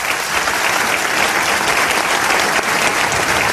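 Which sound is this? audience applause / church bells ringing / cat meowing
audience applause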